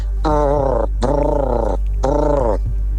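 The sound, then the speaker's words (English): A person imitates a turkey as a quiz answer, with three drawn-out, buzzy, throaty calls, each under a second with short pauses between, the pitch wavering slightly through each call. “Give us 5 seconds of a noise you'd make if you were a turkey.”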